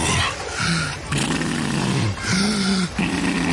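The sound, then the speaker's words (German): Heavy, walrus-like breathing of a senior breaststroke swimmer in a pool, voiced by a person: four loud, low, groaning huffs in a steady rhythm, each rough and throaty, with no other talk. “Die brustschwimmenden Senioren mit Walrossatmung.”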